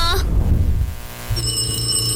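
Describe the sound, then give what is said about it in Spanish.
A telephone rings loudly, a sustained shrill electronic tone that starts after a brief low rumble and keeps ringing to the end, with no talking. “contesta ese teléfono.”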